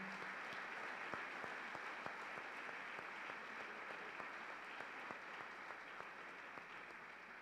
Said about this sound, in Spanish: Sean bienvenidos todos, un fuerte aplauso.